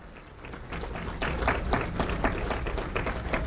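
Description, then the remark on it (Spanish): An audience breaks into applause for the parents in attendance, a dense patter of clapping that swells after the first second and settles into steady, rhythmic beats, with no one talking over it. “Démosle un aplauso a los padres de familia.”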